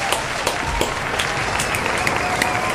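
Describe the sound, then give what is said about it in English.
A street crowd in the middle of New York applauding steadily, many hands clapping in a dense, continuous wash with a few sharper claps standing out, fairly loud and without any clear speech over it. “This crowd they're pretty lively today.”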